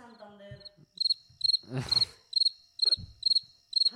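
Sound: crickets chirping sound effect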